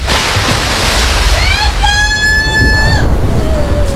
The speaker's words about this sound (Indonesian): Putri Mandalika melompat ke dalam deburan ombak dan menghilang.